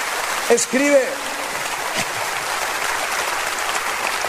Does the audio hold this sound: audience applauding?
yes